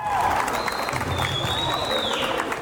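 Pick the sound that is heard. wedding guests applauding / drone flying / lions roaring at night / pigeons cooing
wedding guests applauding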